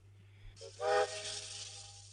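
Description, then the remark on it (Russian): A steam train lets out a sudden loud rush of hissing steam with a short whistle blast near the start, over a steady low rumble, as if pulling away. “Поезд дергает.”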